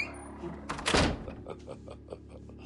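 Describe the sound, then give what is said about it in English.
A door opens with a single broad, rushing whoosh near the middle as people exit during a fire evacuation, then settles into a quieter background where faint voices and soft movement carry on. “Follow Mrs. Kipling through these doors.”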